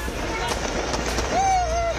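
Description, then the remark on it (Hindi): Fireworks and firecrackers burst in a rapid series of sharp cracks, with a whistling rocket rising toward the end, over a noisy crowd in the background, as hundreds of protesting students celebrate their demands being met at Jaipal Singh Stadium. “तो साथ साथ आतिशबाजी कर खुशियों की दिवाली भी मनाई गई।”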